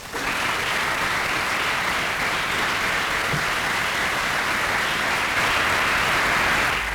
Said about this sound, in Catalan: Paraules del president de la Generalitat, Salvador Illa, que rep els aplaudiments de la bancada socialista i del govern